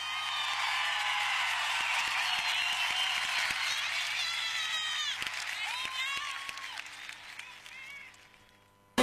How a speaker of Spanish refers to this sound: ¡Los aplausos!